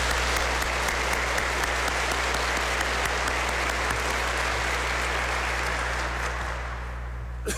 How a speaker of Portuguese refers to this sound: Seja bem-vindo. Bom, acolhemos com uma salva de palmas.